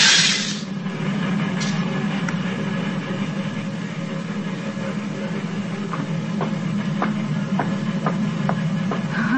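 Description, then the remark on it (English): A steam train on the old Nickel Plate line rumbles steadily as it crosses the divide, its heavy low roar constant, with a run of regular clicking wheel beats on the rails growing clearer toward the end. “on the old nickel plate line. Listen. It's just crossing the divide.”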